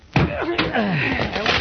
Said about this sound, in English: Oh, that shot came from Douglas' apartment. Break down the door,